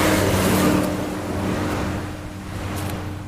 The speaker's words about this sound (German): Er steigt aus und tritt an die Absperrung einer mit rotem Staub überzogenen Brücke. Autos und schwere Lastwagen donnern vorbei.